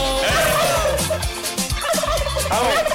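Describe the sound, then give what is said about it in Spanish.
A turkey gobbles loudly, a rapid, warbling burst of throaty calls that repeats in quick succession for a few seconds, with no talking over it. “Póngale el pavo al tavo.”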